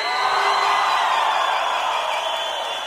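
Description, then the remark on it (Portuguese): A loud, sustained roar of many voices shouting and cheering together, a dense wall of crowd noise that holds steady for a few seconds before easing slightly. “Quem tá feliz, dá um grito aí!”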